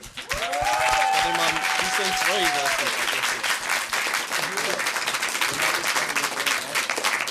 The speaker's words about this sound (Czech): Tak děkujeme a obrovský potlesk.